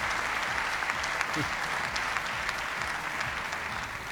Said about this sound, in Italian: C'è l'applauso di De Laurentiis anche, molto molto divertito.